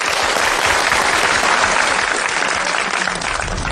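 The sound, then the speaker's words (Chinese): Steady, dense applause from a class of students welcoming a teacher to give a demonstration recitation of Wang Changling's poems, many hands clapping at once in a loud, continuous patter with no voices standing out. “我们掌声欢迎。”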